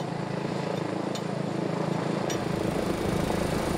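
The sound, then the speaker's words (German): A helicopter, deployed over difficult terrain, drones steadily, its engine and rotor noise forming a constant, loud roar with a low, dense rumble that stays even throughout, with no voices. “Wird das Gelände schwierig, geht es in die Luft. Einsatz für den Helikopter.”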